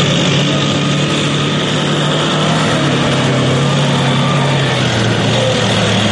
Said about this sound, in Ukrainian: Та вже за декілька хвилин цією дорогою проїжджає техніка, яка потенційно могла стати її ціллю.